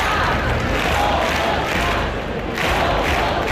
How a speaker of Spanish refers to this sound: Al grito de Somos Más, unas 2.500 personas, según la policía, han abarrotado la plaza del Ayuntamiento obetense para exigir la dimisión del alcalde